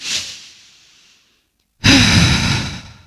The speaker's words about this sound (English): In fact, let's just take one of those big, deep breaths right now.